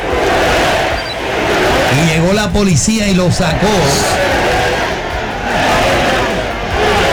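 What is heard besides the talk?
crowd chanting and shouting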